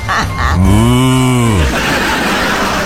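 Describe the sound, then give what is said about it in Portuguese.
A person imitates a mooing bull for the national Bumba Meu Boi day on 30 June, with one loud, drawn-out low call that swells and then sinks over about a second, with brief breathy noises just before it. “É dia do boi, é? É, Bumba Meu Boi.”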